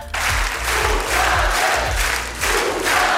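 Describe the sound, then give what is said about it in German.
A studio audience roars and cheers loudly and continuously after a slow ballad is sung, a dense wash of clapping and shouting with rhythmic low thumps pulsing underneath throughout. “und das kam wirklich so gut beim Publikum an.”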